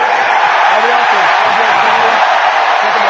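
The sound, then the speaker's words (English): A loud, steady roar from a large, heavily Philadelphia-supporting stadium crowd at an American football game between Philadelphia and Jacksonville at Tottenham Hotspur Stadium in London, a dense wash of cheering and shouting that fills the whole stretch without any break. “If you hadn't guessed, by the way, this is quite a heavily favoured Philadelphia crowd base that's here in London today.”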